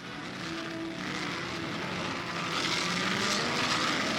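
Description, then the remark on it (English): Formula One race cars, with Richie Ginther's Ferrari leading and Stirling Moss's Lotus behind, roar past at the Monte Carlo Grand Prix in a continuous, loud engine drone with a high whining pitch that swells slightly toward the end; no voices are heard. “Italy's Ferraris are out to dominate the new Formula One field as they once did the old.”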